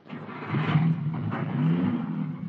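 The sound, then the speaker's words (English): A car engine rumbles to life and revs up, its low drone climbing in pitch as it accelerates, steady for a couple of seconds, with no voices. “Quickly, Petrie, this car. At least we'll be able to continue our journey.”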